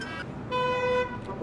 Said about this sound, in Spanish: El mismo carro pasa siempre, ¿no? Es el mismo carro. Y le pita al Gangui, ¿no? Sí, es que lo saluda, no es muy querido.